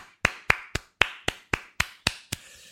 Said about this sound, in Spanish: Un aplauso. Bravo.